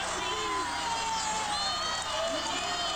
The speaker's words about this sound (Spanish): Los silencios duraban segundos y enseguida regresaban los cánticos, los aplausos y las discusiones propias de un evento como este.